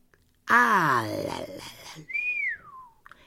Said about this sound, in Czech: Hvízdl hajný.